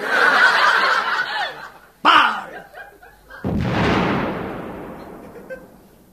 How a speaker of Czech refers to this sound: Dělo pripravené! Dělo namieriť! Dělo namierené!